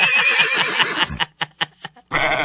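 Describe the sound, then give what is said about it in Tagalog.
A person imitates a horse: a loud, wavering whinny lasting about a second, then several short breathy snort-like bursts and a final noisy burst. “Kapel mo kabayo.”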